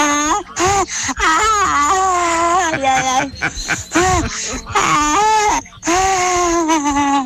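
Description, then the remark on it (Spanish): A shrill, high-pitched young woman's scream, loud and wavering, drawn out over several long cries separated by brief gasping breaks. “Ahí va mi grito de señorita.”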